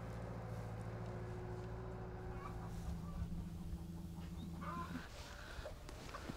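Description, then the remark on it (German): Scattered chickens cluck in a mobile coop on a farm as 200 hens are moved onto a new plot beside an apple orchard of old varieties, over a steady low engine drone like an idling tractor; the drone cuts out near the end, leaving a rougher outdoor rumble with a few more fowl calls. “Jetzt kommen ihre 200 Hühner im Mobilstall auf eine neue Fläche.”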